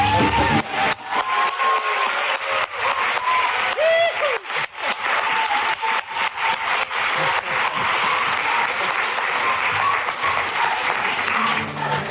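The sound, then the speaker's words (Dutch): Sustained applause for Our Lady from the audience closing a live Eucharist celebration in the big tent at the Moeder van Vrede community in Gistel: a dense steady patter of many hands clapping at a fairly loud, even level for about twelve seconds, with a few faint tonal sounds mixed in. “En zo, beste luisteraars van Radio Maria, met een applausje voor onze lieve vrouw eindigen we deze rechtstreekse eucharistieviering vanuit Gistel bij de gemeenschap Moeder van Vrede hier in de grote tent.”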